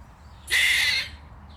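A squirrel shouting at another squirrel gives one harsh, rasping scream lasting about half a second, loud and high-pitched, over a low steady background rumble with no talking.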